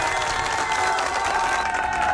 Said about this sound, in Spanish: Un fuerte aplauso para ese cumpleañero y para la mamá que le deseo feliz cumpleaños.